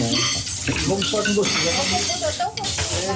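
Steady, loud hiss of water running into a sink as a woman does the dishes, with faint clinks of dishes and a voice talking over it throughout; the water going down the drain flows directly into a filtering system to be used again.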